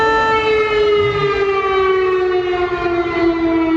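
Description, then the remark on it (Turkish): An air raid missile alarm siren in Poland wails with a steady, sustained tone rich in harmonics, holding a loud, unbroken pitch that sags slightly downward over a few seconds, with no voices present. “Yeni güne Polonya'da füze alarmıyla uyandı.”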